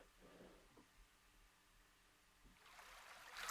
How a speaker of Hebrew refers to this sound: ככה איזה נחל זורם כזה נעים, שילווה אותנו לאורך המדיטציה. ונוסיף לנו עוד כמה צלילים מימים ככה עוטפים.